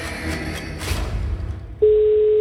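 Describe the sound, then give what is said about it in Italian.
After a stretch of muffled, rumbling background noise, a steady electronic telephone ring tone cuts in abruptly and holds at an even level to the end, the first ring of a call coming through on a line. “Ed è già il primo squillo, onde.”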